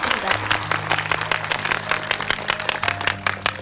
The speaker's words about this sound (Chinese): 我们再次把掌声送给